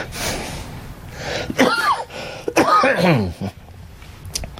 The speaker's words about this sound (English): No, that's the coughing is a... after effect from, I had 66 treatments of radiation and chemo, and it does damage to you.